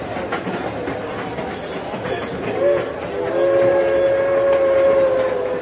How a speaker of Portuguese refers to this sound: E então foram direto para o terminal de trem da sua cidade de Palo Alto, lá na Califórnia. A estação estava cheia de gente e o trem chegava, outro trem partia e era aquela movimentação propriamente de um terminal de trem.